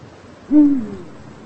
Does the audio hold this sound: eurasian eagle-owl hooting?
yes